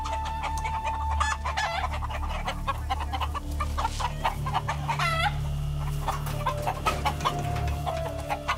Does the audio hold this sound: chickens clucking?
yes